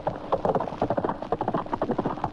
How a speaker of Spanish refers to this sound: El noble animal subió a todo galope.